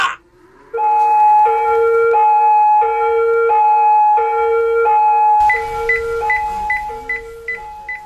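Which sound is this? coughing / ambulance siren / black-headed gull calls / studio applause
ambulance siren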